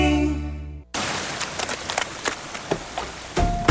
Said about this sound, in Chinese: 突然下雨，好狼狈哦！ 都淋湿了，我先去冲个澡。